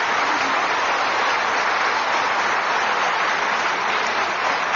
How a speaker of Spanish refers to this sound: Los niños que nos están oyendo, ustedes son una bendición. ¡Aplauso para nuestros hijos! Gracias.